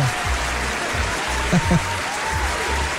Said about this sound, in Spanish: No, un aplauso a mi brócoli, mano.